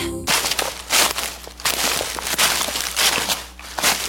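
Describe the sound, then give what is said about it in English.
Footsteps crunch through dry fall leaves outside, a steady series of crackly crushing steps heard on their own with no talking. “The leaves are crunching outside, but is your floor making all the noise inside?”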